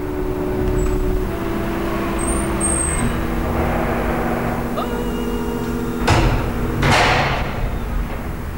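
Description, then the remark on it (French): After an entry code, the street door to a child psychiatrist's practice in the 14th arrondissement of Paris is pushed open, giving two solid clunks about a second apart over a steady low rumble of idling traffic. “Et nous poussons la porte.”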